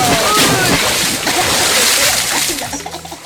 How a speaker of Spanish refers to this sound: ¿Quiere agua? ¡Sí! ¿O más agua? ¡Más! ¡Más agua! Oye, estás mojando el estudio.